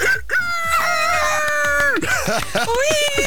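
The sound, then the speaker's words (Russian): A man gives a loud imitation of a rooster crowing: one long, strained, held cry that breaks into a few shorter wavering calls. “Он умеет кукарекать, как настоящий петух.”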